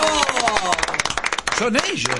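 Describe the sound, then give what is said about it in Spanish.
A crowd claps steadily in a dense, bright patter of hand claps, with voices shouting and cheering over it toward the end. “No, yo quiero otro fuerte aplauso para este.”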